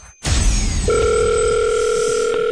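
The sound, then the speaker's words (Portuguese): A steady, loud electronic ringing tone of an outgoing call to a mobile phone comes in after a brief burst of noise and holds unbroken to the end; the call goes unanswered, with no one speaking over it. “Vamos lá ver se alguém nos atende o telemóvel.”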